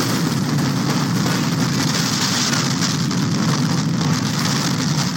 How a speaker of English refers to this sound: A home was flattened and two people were stuck in their basement when a funnel cloud roared over a field in St. Liberty, Nebraska earlier today.